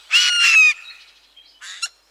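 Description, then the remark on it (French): Two harsh, rasping screeches from a Eurasian jay: a loud, grating call of about half a second, then a shorter, quieter one after a brief pause. No voices. “Le jet a un cri rauque et sonore.”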